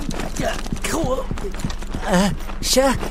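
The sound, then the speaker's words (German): Quick, steady footfalls of someone running, fairly loud, about four steps a second, with breathy voices and exclamations rising over the pounding rhythm. “Vom Rennen wird Huckepuck ziemlich dolle durchgewirbelt.”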